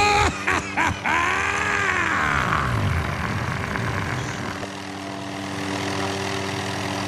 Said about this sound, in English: Oh geez, oh, they're landing on the front lawn! Black helicopters! Oh my god!